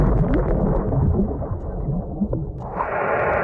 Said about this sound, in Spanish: Así es como suenan distintas explosiones de bombas bajo el agua.